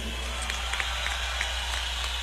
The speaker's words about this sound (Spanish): También compositor de muchas canciones de …, así que un aplauso a Marcelo, por favor.